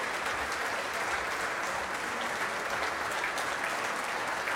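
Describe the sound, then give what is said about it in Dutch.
Steady, dense applause from a standing concert audience and the Jeugdorkest Nederland youth orchestra for piano soloist Natalia Milstein after Rachmaninov's Second Piano Concerto, a continuous even roar of many hands clapping with no voices standing out, holding at a constant loud level throughout. “Het orkest applaudisseert mee voor de solist, voor Natalia Milstein.”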